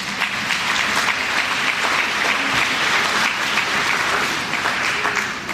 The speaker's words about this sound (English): Thank you to everyone who came out today. The kids that attend this club appreciate your support. Every time we get a ride from school, homework help, or mentor, it is all because of you. So please give yourself a round of applause.